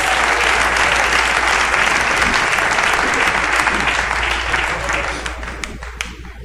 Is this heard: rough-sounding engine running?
no